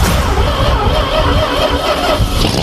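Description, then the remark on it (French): A small Fiat 500 car engine idles, a steady, loud mechanical rumble with a low, uneven chugging that holds for the whole stretch, with no voices. “Voici l'histoire de cette voiture mythique, c'est dans RTL Raconte.”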